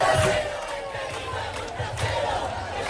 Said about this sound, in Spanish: Allí más de 15.000 personas, según el sindicato de inquilinas, se han manifestado este viernes para reclamar el derecho a la vivienda y una huelga general.